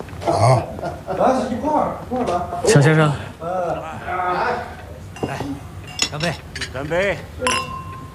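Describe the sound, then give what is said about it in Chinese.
Glasses clink together several times in a toast, bright sharp chimes scattered through lively overlapping voices of people talking and cheering. “干杯，干杯，干杯！”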